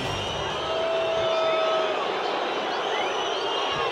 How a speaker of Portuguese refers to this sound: Vaias. Torcedor do Palmeiras não está satisfeito com a apresentação e com o resultado.